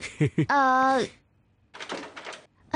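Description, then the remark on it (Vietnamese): Two quick latch clicks are followed by a drawn-out, tonal creak as a room door swings open. A burst of rustling, shuffling noise comes after. “Thì người ta cũng muốn vào rồi, anh bỏ tay người ta ra đi, không thì mở cửa kiểu gì đây?”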